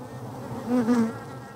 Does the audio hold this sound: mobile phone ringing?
no